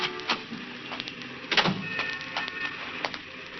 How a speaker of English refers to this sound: He was just sitting there, waiting for her to come out, when the squad car came around the corner and stopped. Two patrolmen got out.